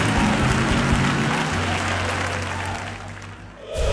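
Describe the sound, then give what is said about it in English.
A large church audience claps steadily to bless God, a dense wash of hand claps with a low hum of music beneath, fading slightly toward the end. “Come on, clap your hands and let's bless God.”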